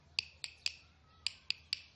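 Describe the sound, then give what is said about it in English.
A guiro is tapped with a stick: six sharp, bright clicks in two groups of three, each a crisp woody tick with a high ringing edge, with no talking. “Or by tapping it with a stick.”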